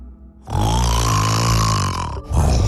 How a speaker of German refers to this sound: Für alle Frauen, die jede Nacht wütend wach im Bett liegen, wir Männer meinen das nicht böse. Wir schnarchen seit Jahrtausenden und zwar nur, um euch nachts vor wilden Tieren zu beschützen.